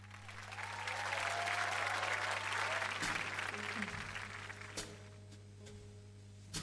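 A crowd applauds with dense, steady clapping that swells early and holds, then gradually thins toward the end, with a low steady hum underneath and a faint whistle-like tone in the middle.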